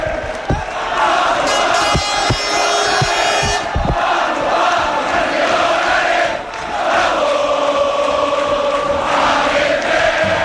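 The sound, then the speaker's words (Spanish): A dense crowd of football fans of all ages, holding flares, roars and chants outside the Castalia stadium on Calle Huesca before the first promotion playoff match to the Primera División, a constant loud wall of voices with sharp bangs and claps cutting through, plus a high whistle-like tone early on. “Así suenan los aledaños de Castalia antes del primer partido de playoff de ascenso a la Primera División.”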